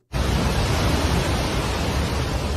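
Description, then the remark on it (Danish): A loud, steady roar of rushing brown floodwater sweeping buildings and cars around during floods in Nepal, beginning abruptly and continuing as a dense, unbroken wash of churning noise with no voices. “Her der hører vi lyden af de brune vandmasser, der skyllede bygninger og biler rundt.”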